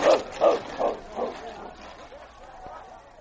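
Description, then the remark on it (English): Husky sled dogs bark in a quick, evenly spaced series of four loud yelps that grow weaker, then trail off into quieter, fainter barking and background noise. “Hush! Hush, Husky!”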